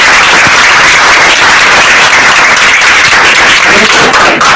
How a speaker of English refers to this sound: A round of applause.